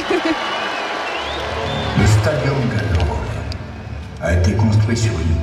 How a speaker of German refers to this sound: Und hier singen die dann, hier, wir Römer singen lauter und wir Gallier singen lauter.